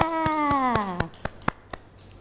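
Hand claps ring out in a steady, evenly spaced rhythm, about nine sharp beats, while a voice sings a falling melodic line over the first half before the claps continue alone.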